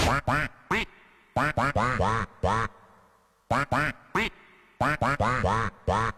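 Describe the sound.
A person imitates a duck, quacking into a microphone, letting out loud quacks in quick bursts of two to four, with short pauses between groups and no other talking.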